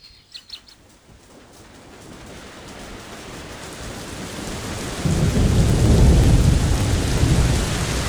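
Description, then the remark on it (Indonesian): Steady, continuous rain hisses across the whole clip, growing heavier and louder midway with a deep rumbling swell like thunder underneath; a few faint chirps sound near the start, and no one speaks. “Hujan turun terus-menerus beberapa hari ini.”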